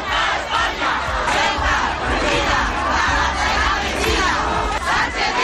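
A large protest crowd at the Plaza de la Constitución in Ceuta, Spain, shouts and chants continuously in unison, a loud, dense roar of many voices with rhythmic surges. The protest was called by Ceuta's religious communities to demand solutions to the migration crisis.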